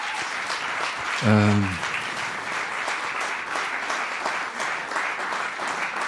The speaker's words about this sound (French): Donc, je crois que vous pouvez les applaudir encore très très fort, ils ont fait un super, super, super boulot.